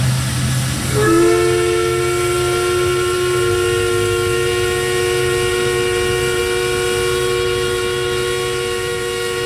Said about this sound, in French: C'est le sifflet de la papetière de Corner Brook, un bruit que vous avez peut-être reconnu si vous êtes déjà allé dans l'ouest de Terre-Neuve.